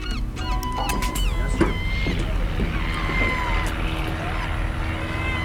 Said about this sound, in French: Alors, il y a quelques avions qui nous survolent, normal. Il y a un petit aéroclub ici, je vole souvent.